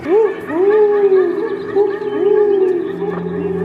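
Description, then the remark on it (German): A human voice imitates an owl's hooting into a microphone at an Australian Polyglot Theater event, looped into a live-made soundtrack, sustained, wavering low tones repeated three or four times, each with a rising glide at the start, clear and fairly loud with a steady low hum beneath. “Und als mein Eulenruf dann im Raum erschallt, da fühle ich mich für einen Moment sehr glücklich und hoffnungsvoll.”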